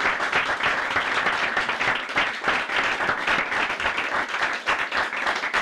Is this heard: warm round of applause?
yes